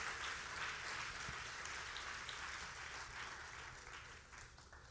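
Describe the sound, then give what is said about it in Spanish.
An audience applauds the Lord steadily, a dense wash of many hands clapping together that holds for several seconds before gradually thinning and softening toward the end. “Vamos a darle un aplauso al Señor. Put your hands together for the Lord.”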